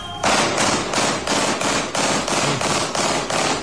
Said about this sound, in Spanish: ustedes escuchando lo que ha sido el calvario que tuvieron que vivir varios vecinos de la comuna de Quilicura. Ahí estaban escuchando ustedes, ¿no? Los fuegos artificiales. Ahí están. Esos son fuegos artificiales, acompañados luego de disparos.